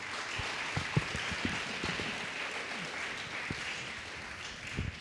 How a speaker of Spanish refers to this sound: Aplauso al Señor.